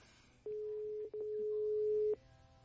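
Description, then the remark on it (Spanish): A steady electronic telephone ringing tone sounds for under two seconds, briefly interrupted once, clear over a faint background hiss, on a phone call that reaches a Movistar voicemail. “La llamada se cobrará al terminar los tonos.”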